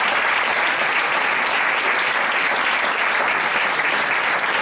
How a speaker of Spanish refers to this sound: Un aplauso.